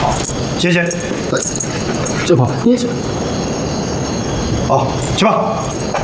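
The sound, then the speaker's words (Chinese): A bunch of keys jangles in a few short metallic bursts as they are handed over to an officer, over a steady rumbling background, with brief voices murmuring between the clinks. “报告长官，这也是上峰的命令，把钥匙交给你。”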